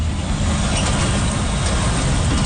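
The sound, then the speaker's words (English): Heavy truck traffic rumbles steadily and loudly along Intermodal Drive in Brampton, past a scrap metal yard, a dense low-end roar of large vehicles passing with no pauses and no voices. “Trucks thunder along Intermodal Drive past Triple M Metal, where firefighters are still on site watching for flare-ups.”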